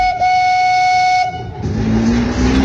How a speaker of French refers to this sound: Le train jaune.